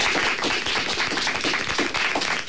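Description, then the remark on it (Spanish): A crowd of schoolchildren applauding, dense, rapid overlapping claps forming a steady wash of sound that stays loud and continuous throughout, with no talking, greeting the audience of La Opinión on Radio Pontevedra and Radio Arousa. “Pero antes, chicos, ¿por qué no damos un aplauso para saludar también a la audiencia de La Opinión en Radio Pontevedra y Radio Arousa?”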